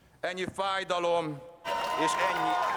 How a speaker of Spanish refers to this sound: Aplausos y vítores a Peter Magyar a su llegada al Parlamento. Así le han recibido en su camino a convertirse en el primer ministro de Hungría.